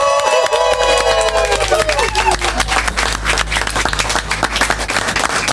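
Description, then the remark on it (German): Newsroom staff, a small group, applaud and cheer in farewell to a retiring news editor, with dense clapping and whoops, and high whistles sliding downward near the start before the clapping continues steadily to the end. “Ein großer Applaus zum Abschied für den Nachrichtenredakteur.”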